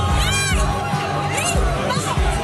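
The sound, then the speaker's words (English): A dense crowd in Gibraltar roars and chatters continuously, cheering as the border wall with Spain comes down, with overlapping voices, rising shouts and excited cries forming a loud, steady hubbub of cheering. “Cheering as the border wall with Spain comes down after years of negotiations.”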